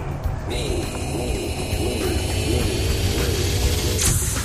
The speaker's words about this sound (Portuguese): Aê, o avião decolou